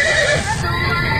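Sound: horse neighing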